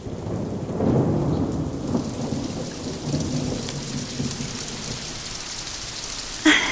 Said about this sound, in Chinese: 你看，雨滴在屋檐上跳舞呢。是啊，刚才是莲花舞，哎呀，现在是彩带舞。我倒要看看还有什么新花样。